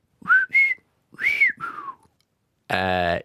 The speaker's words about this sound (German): Und jetzt pfeife ich noch meinen Namen.